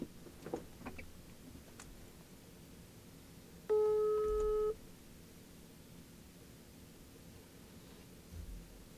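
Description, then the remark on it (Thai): A single outgoing phone ringing tone as a host on the FM 97 radio show dials a guest for an interview, a steady low electronic burst lasting about a second, moderately loud over a faint hissy background with no one speaking. “เอาละครับกดเบอร์โทรศัพท์หาครูยะแล้วนะฮะรอครูยะก่อนนะครับ”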